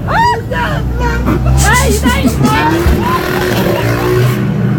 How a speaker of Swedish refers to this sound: I den här poolen har man då lyft i en båt med en båtmotor på och sen alltså gasar man på där helt enkelt. Vi kan lyssna lite här.